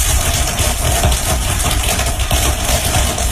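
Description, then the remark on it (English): A dense crackling from corn plants growing in a cornfield, several hours of recording sped up into a few seconds; the noises come from tiny fractures as the plants stretch, break and grow. Countless rapid pops blur into a steady, loud, rumbling hiss that continues without pause and with no voices. “Researchers think the crackling noises occur because of tiny fractures from the corn plant stretching, breaking, and growing.”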